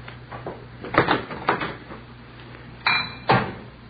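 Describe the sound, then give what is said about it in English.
A handful of sharp clinks and clatters of dishes being knocked together and stacked while clearing up a messy kitchen, coming in uneven bursts, with the last two louder. No one speaks. “Dishes all over the place.”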